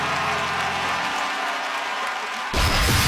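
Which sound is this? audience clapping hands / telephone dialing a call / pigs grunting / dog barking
audience clapping hands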